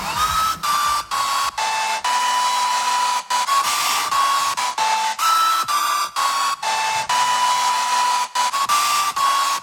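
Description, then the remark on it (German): A hair dryer roars steadily and loudly over a hit song hidden under it for a radio music quiz, the melody cutting in and out in short bursts with brief gaps throughout. “Deshalb haben wir heute bei unserem Musikquiz immer drei Wecker einen großen Lieblingshit in einem Föhn verloren.”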